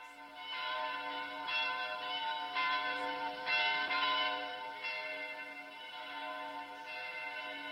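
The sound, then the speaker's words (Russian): Church bells peal continuously for St. Nicholas Day (Nikolin day), overlapping strikes ringing out in an irregular, layered rhythm with a sustained metallic hum underneath, fairly loud and steady throughout with no voices. “Вы знаете, от чего такой перезвон?”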